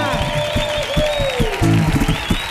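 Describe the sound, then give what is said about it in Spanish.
Dense, steady applause from an audience at the Auditorio Cartuja, an ovation for a carnival quartet from Cádiz, with a voice calling out in a long, sliding tone above the clapping before it swells slightly louder at the end. “Por favor, ovación enorme en el Auditorio Cartuja para estos cuatro señores.”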